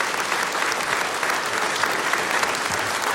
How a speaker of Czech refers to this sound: Zlata Adamovská, Petr Štěpánek, a takhle vám tleská tenhle nádherný historický sál v Luhačovicích.